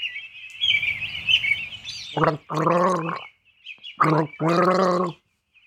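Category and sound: human body sound, gargling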